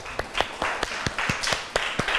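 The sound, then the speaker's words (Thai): A small group in a classroom claps for group 2 after it answers a question about waves in a lesson. The applause is thin and scattered, with sharp overlapping claps at an uneven rhythm, fairly quiet and brief, and no voices. “โอเคค่ะขอเสียงปรบมือให้กลุ่มที่2ด้วยค่ะ”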